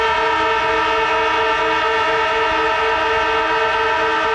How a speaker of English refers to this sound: Yes, of course, it's the footy siren.